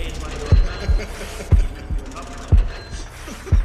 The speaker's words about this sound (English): And heartbeats.